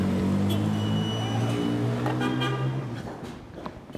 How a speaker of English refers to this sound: I was stuck with the traffic now. The number of cars in Damascus may be tripled since the fall of the regime.